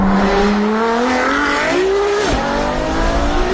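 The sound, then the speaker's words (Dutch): A Ferrari sports car engine roars loudly, its pitch climbing steadily, dipping briefly at a gear change, then rising again, with no voices. “En bij een Ferrari is het ook de vraag hoe die wagen gaat klinken.”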